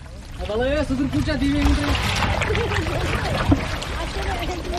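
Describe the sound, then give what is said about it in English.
Water laps and trickles steadily around a small wooden shikara boat with a wide cushioned seat and canopy on Wooler lake, as a 19-year-old boatman alternates between using the motor and rowing with a traditional heart-shaped paddle, with voices talking over the gentle splashing throughout. “he's alternating between using the motor and skillfully rowing with the traditional heart-shaped paddle”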